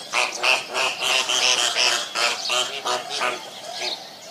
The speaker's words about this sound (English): All right, clearly some kind of bird. And the answer is, those are flamingos. Yeah, standing up on their one skinny leg.